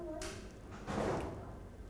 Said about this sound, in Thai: เห็นไหมคะใช้มือรองผู้กันไว้แล้วเคาะสลัดสีออกไป